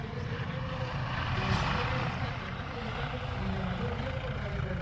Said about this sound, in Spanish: Los motores...